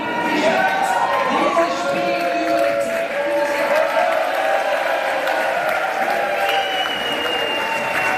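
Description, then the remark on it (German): Football fans at an early-morning public viewing in the football pub of Restaurant Zickzack in Alschwil, Basel region, cheer loudly and continuously at the final whistle of a Switzerland World Cup match, a dense wash of shouting, whistling voices and clapping that stays strong for several seconds, with excited voices rising above the din. “Und da war der Jubel groß heute früh, als der Schlusspfiff ertönte.”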